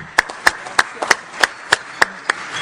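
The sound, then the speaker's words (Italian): Steady, evenly spaced clapping, about eight sharp claps in a brisk rhythm, distinct rather than a dense wash of crowd applause, with no talking; applause as the microphone is handed to the next speaker at an event. “a te il microfono, un applauso.”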